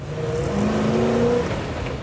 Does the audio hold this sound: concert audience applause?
no